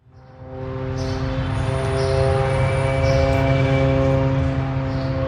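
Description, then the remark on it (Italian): An Israeli military drone flies low over the disused Camille Shamoun stadium in Beirut, Lebanon, now a shelter for displaced people. Its engine is a steady, loud buzzing hum with a tonal whine that swells in within the first second and then holds continuously, with no voices. “Un drone israeliano vola basso sopra lo stadio in disuso Camille Shamoun a Beirut.”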